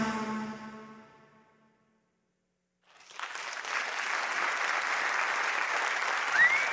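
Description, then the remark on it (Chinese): A harmonic tone fades out, then after a brief silence a steady burst of audience applause starts and continues, dense and broad, holding an even loudness to the end. “感谢大家的掌声哦。”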